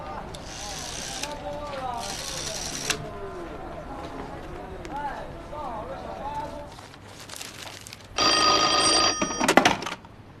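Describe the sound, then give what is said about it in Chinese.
A telephone rings loudly in three bursts, two short rings close together and a longer, louder one after a pause, while people talk in between. “老板，打个电话。 好，打。”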